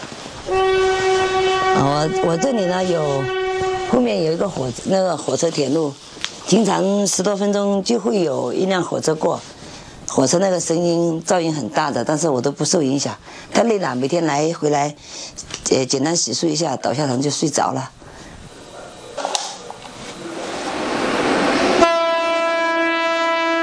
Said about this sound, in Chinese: 我这里呢有，后面有一个火车铁路，经常10多分钟就会有一辆火车过，火车那个声音噪音很大的，但是我都不受影响。